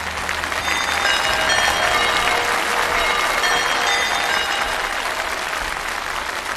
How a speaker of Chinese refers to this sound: 让我们以最热烈的掌声有请胡凯老师精彩开课。